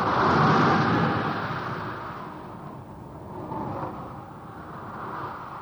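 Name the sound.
wind blowing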